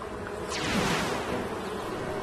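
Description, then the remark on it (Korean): A steady, dense buzzing of a swarm of mosquitoes, commanded by Dr. Leo to form a left arrow, droning continuously with a faint rising and falling whine at moderate loudness. “자, 나의 귀여운 모기들아, 왼쪽 화살표를 만들어.”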